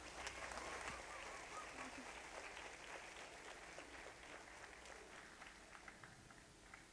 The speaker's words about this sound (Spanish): Fuerte los aplausos, por favor.